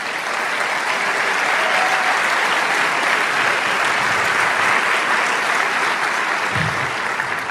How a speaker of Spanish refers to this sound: Gloria al Señor, ese aplauso es para el Rey.